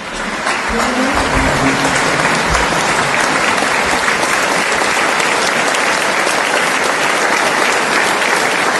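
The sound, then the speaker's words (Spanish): Sustained, dense applause from a large audience welcoming the Orquesta Sinfónica de Tenerife, steady and loud throughout with a faint murmur of voices underneath at the start. “es el aplauso, fíjate, Pablo, con el que el público recibía a la Orquesta Sinfónica de Tenerife”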